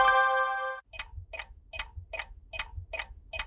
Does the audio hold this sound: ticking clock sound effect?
yes